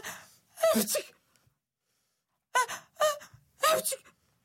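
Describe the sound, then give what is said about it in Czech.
A voice imitates a run of sneezes: about five sharp, breathy bursts, two close together, a pause, then three more in quick succession, fairly loud and close. “Kýchala a kýchala.”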